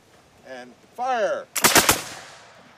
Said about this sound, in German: Das Pulver, das schüttest du von oben in den Lauf und dann spannst du die Muskete und dann gibt's ein Kommando, anlegen, schießen und dann feuerst du diese Muskete ab.